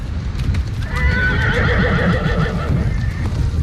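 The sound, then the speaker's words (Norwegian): A herd of horses gallops past at full speed on an endless steppe, with a dense, continuous rumble of hoofbeats, and a loud, drawn-out whinny rises above the pounding midway through. No voices are heard. “Snart kommer det en flokk med hester forbi oss I full fart.”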